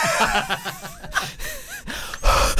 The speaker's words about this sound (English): Okay, oh, it's like you're much nearer to me. You can really hear our breath.